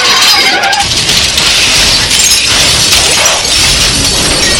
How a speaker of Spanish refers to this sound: Varios autos impactan contra el auto de Morgan y el auto de Jerry.